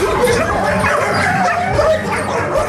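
Many dogs bark at once in an animal shelter, a loud, constant overlapping din of yaps and barks with some whimpering mixed in and no pause throughout.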